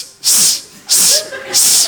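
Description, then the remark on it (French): A voice imitates a snake's hiss, the sound a woman made while giving birth, in three sharp, evenly spaced bursts, each a loud, breathy hiss with short pauses between. “Et elle a fait le bruit du serpent.”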